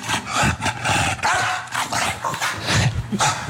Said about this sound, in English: And you may remember this interaction. Like, it barks and it flaps. That's a splash.